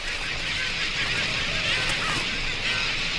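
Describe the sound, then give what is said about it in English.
A dense, unbroken din of countless seabirds crammed onto the tiny island of Isla Rasa, squabbling in noisy territorial disputes. Harsh overlapping squawks and cries blend into a loud, steady wall of noise with no pauses. “With so many birds crammed onto this tiny island, space is at a premium, and noisy territorial disputes add to the ceaseless cacophony of sound.”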